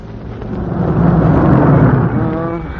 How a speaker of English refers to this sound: I found myself in that Jeep tearing along a road that's been hit by everything from machine gun bullets to airplane bombs.